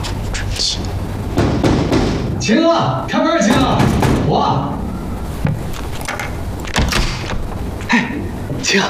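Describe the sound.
Several sharp knocks rap against a door at irregular intervals, fairly loud, with muffled voices and background noise running underneath.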